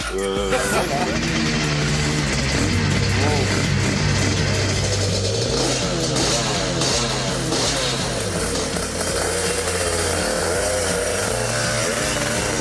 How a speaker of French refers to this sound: Alors voilà, j'entre sur le circuit de Murcie-Lévis au guidon d'une moto qui est mythique pour moi. Parce que j'avais dans ma chambre d'ado le poster de Dominique Sarron sur sa RS250.